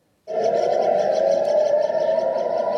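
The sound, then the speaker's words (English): An air raid warning siren rings out across the Holy City in Israel as Iran fires missiles, starting abruptly and holding a loud, steady, mid-pitched wail with rich overtones for nearly three seconds, with no voices. “Warning sirens ring out across the Holy City, followed by the sound of Israel's air defences picking Iranian missiles out of the sky.”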